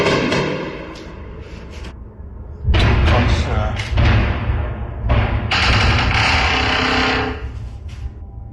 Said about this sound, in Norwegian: Nå smaller det. Veldig.